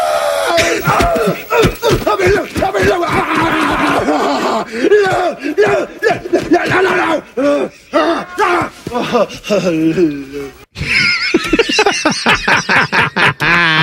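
A man screams loudly in long, strained bursts with a wavering pitch, pausing briefly between cries, then breaks into a higher, shriller howl toward the end.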